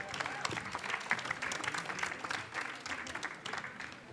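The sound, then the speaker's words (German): An audience at the Martin-Luther-Gymnasium school, during a live Wartburg-Radio program, claps steadily for several seconds after an interview with a teacher. It is a dense, bright wash of many hands with a few faint voices mixed in, staying fairly even in loudness throughout. “Applaus, ja.”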